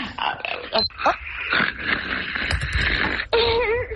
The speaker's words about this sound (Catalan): Podem confirmar que el marit segueix roncant? Sí. Podem apropar una mica el telèfon per sentir-lo en directe?